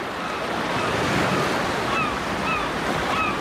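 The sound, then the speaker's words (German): A steady wash of distant ocean surf with a breezy hiss, while a few faint gull cries call out briefly toward the end. “Plötzlich hörte ich entfernte Wellen und Möwen.”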